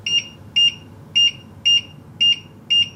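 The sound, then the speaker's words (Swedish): A steady series of six short, high electronic beeps repeats at an even pace from an electric stove's control panel as the hob temperature is turned down, fairly loud against a quiet background, with no talking. “Så tack och lov för att den i alla fall blippar spisen.”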